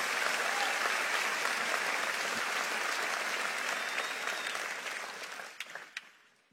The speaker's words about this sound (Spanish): Si le vas a aplaudir, hazlo fuerte, vamos, hazlo con fuerza.